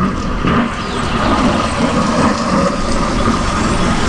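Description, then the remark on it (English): A motorcycle engine, heard as part of the soundtrack along a walking path, rumbles loudly and steadily throughout, a constant mechanical drone with gritty low end and no clear rise or fade. No one speaks. “Is that motorcycle real or fake?”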